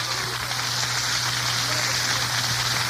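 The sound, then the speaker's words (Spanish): An audience applauds the Lord steadily during a sermon, a dense, even wash of many hands clapping at once, sustained and fairly loud throughout with no voices breaking through and a low steady hum beneath. “Y a su nombre, dé un aplauso al Señor fuerte esta noche.”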